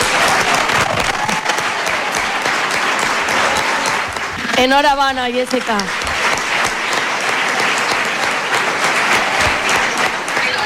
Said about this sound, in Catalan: Aplaudiments i més aplaudiments, i jo imagine que no sé si li va arribar a caure alguna llagrimeta, però emoció a flor de pell.